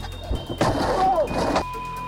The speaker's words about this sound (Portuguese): Dois socos que, em poucos segundos, quebraram o vidro do carro.